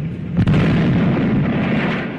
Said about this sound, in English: That sounds a little bit like Bugs Bunny, some of those gunshots.